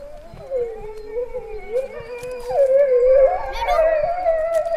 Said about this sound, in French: Le loup. Ah, ça fait ça le loup.